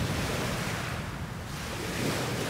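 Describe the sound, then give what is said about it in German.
Steady, loud ocean surf where two seas meet, a broad continuous roar of crashing water, plus some wind noise buffeting the microphone. No one speaks. “Hier treffen sich zwei Meere. Das eine kommt von da und das andere von da.”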